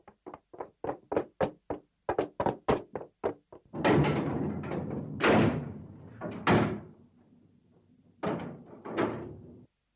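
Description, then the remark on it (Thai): A rapid series of sharp knocks and rattles, then several heavy door slams and thuds with rumbling resonance, like a fence gate being forced shut and bolted. No voices. “เราต้องหาวิธีป้องกันเอาล่ะก่อนอื่นต้องปิดประตูรั่วให้แน่นนะ”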